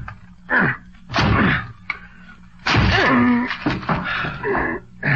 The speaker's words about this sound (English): Okay, give me a chair. I'll break this door down for you.